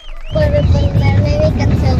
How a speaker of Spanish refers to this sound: Oye, se está escuchando el tráfico.